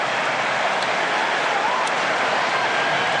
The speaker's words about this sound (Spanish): Se va Lautaro, entra Julián. Aplausos para los dos, para el Toro que sale, para Julián que entra y se va Thiago Almada e ingresa Nico González.